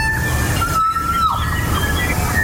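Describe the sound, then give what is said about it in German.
Song of a kokako, a rare New Zealand bird: long, pure, organ-like whistled notes, one held steady before sliding downward, with fainter higher tones, all over a constant rushing background hiss. “Leute, das hier ist ein Kokako.”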